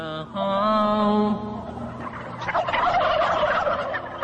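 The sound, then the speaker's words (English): A flock of about 300 turkeys in a pen gobbling together in a loud, dense chorus while a man plays a folk song to them. A sustained warbling tone rises first, then overlapping gobbles and clucks fill the space. “So he's actually playing a song, you know, sitting in a pen with 400 turkeys, which are all gobbling and stuff like that, while he plays this one folk song.”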